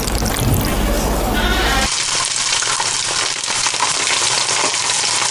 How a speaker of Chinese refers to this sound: 将包好的鸡蛋卷放入油锅炸至酥脆定型，简单切上几刀，这道菜便大功告成了。